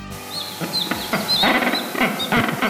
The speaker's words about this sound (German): So klingen sie, die Felsenpinguine.